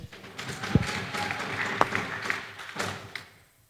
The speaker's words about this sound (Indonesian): Sekali lagi beri tepuk tangan kepada masing-masing regu.